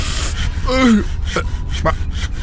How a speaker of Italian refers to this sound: Ma lo vedo solo io o in cabina c'è un albero che si sega?